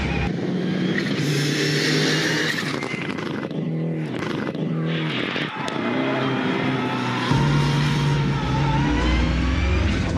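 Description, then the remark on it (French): An Evo 6 car engine revs hard while driving on a test drive, its pitch climbing and dropping through gear changes, loud and continuous, with a deeper rumble surging near the end. The engine has a lot of torque and revs to a maximum of 5500 to 6000 rpm. “Et par contre, le moteur il prend pas beaucoup de régime, hein. C'est maximum 5500 tours, 6000 tours.”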